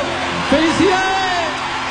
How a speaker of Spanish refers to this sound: Fuerte el aplauso, che.